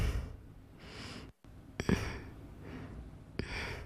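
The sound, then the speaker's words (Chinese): Heavy, labored panting, fairly loud, with about four deep breaths heaving in and out at a steady rhythm over a faint background hiss, and no talking; a challenger exhausted by the physical effort of climbing down through an obstacle-course cylinder. “这个体力消耗，我看到他现在已经开始在大口的喘气，很累的。”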